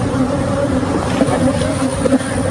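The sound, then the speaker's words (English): An 18-wheeler truck's steady engine rumble mixes with the dense, droning hum of a swarm of 24 million agitated honeybees spilled from 406 ruptured hives in a Texas neighborhood, loud and continuous throughout with no talking. “This is the truck and then all the bees, the sound of it.”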